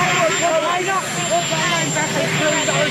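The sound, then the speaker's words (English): A steady, loud helicopter engine buzz fills the background throughout, with a thin high whine on top, while voices talk over the continuous mechanical drone; recorded just before the President boards the helicopter and answers reporters' questions about Iran. “it was taken right before he jumps on the old helicopter, so it's got a little bit of a buzz.”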